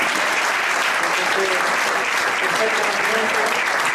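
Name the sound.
audience applause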